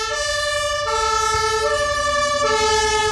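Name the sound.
fire engine siren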